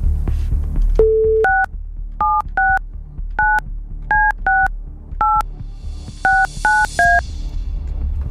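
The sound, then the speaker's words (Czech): A telephone being dialed by Rádio Blaník to call a listener: a short steady tone, then about ten crisp touch-tone beeps in an uneven sequence, clear with no talking. “Respektive na tom, komu teď zvoní telefon a volá mu Blaník.”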